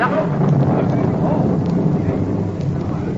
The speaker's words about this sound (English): Rain! Oh, thank heaven.